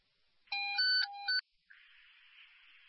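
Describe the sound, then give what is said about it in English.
A quick burst of electronic radio dispatch alert tones, several stacked pitches stepping in two short sequences, followed by a steady hiss of radio static after a brief pause. “Disregard those tones.”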